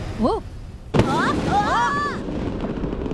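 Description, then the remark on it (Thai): A sudden, loud explosion bursts out about a second in and leaves a noisy, rumbling tail, with short rising whistle-like tones chirping before and after it. “โอ้โหลูกนี้ระเบิด”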